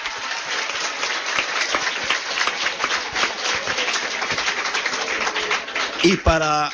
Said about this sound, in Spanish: ¡Un aplauso!